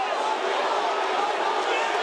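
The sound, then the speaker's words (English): A stadium crowd at a football match between the Suns and North Melbourne roars in a loud, unbroken wash of noise that holds steady for about two seconds, with no clear voices standing out. “Listen to the crowd.”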